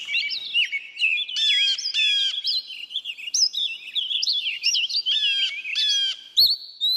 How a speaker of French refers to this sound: Les oiseaux que vous entendez sont ceux des fourrés près de Walden, là où Henry David Thoreau a construit sa cabane, Walden étant un petit lac dans le Massachusetts.